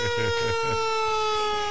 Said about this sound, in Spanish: Ahí viene, ahí está llegando, mirá. Esa sirena es la sirena.